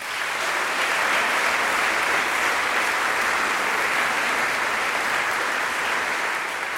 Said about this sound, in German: Einen großen Applaus für